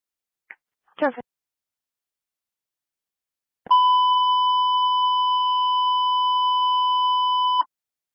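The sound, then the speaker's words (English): A couple of brief radio chirps, then a loud, steady dispatch alert tone holds for about four seconds before cutting off abruptly. No talking over it. “Bravo 292, was that the 902 and the 225 beep?”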